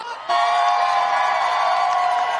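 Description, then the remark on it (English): A crowd at an outdoor plaza bursts into loud, sustained cheering and whooping, many voices shouting together in an open outdoor space, starting abruptly and holding steady for a couple of seconds. “The crowd is electric over here. Make some noise.”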